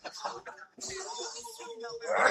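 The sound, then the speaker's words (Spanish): A harsh, choking coughing fit from a man said to have woken up with the flu: a few rough bursts, then a longer strained, rasping stretch of voiced hacking that grows louder toward the end. “Ay, no, se me está ahogando. Traes tos, mijo, amaneciste con gripe.”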